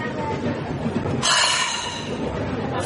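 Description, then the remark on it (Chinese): A train headed to Shanghai rumbles steadily along the rails, with a brighter metallic hiss rising midway, a sustained clatter under the scene with no clear speech. “没想到坐个火车又遇上了。”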